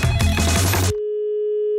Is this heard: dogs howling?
no